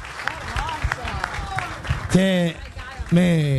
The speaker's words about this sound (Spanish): Así que les quiero agradecer de corazón y les pido, si me ayudan, un aplauso a todos. Gracias de corazón. Gracias de corazón.